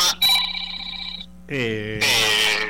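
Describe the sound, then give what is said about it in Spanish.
The speaker's own phone rings with an incoming call, a short burst of bright electronic ringtone tones, clear, then cuts off as a voice starts talking over the end. “No sé qué teléfono es. El mío, que entraba una llamada.”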